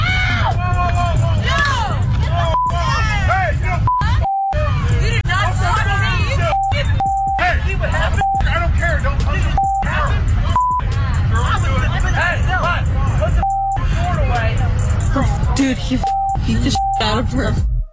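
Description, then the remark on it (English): A chaotic street fight in which a man fights several women: many voices shout and scream over each other, loud and nonstop, with frequent short bleep tones cutting through the commotion. “here's a little bit of the audio. He's fighting girls.”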